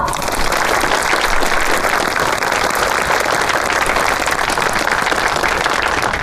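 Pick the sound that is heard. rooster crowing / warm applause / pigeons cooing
warm applause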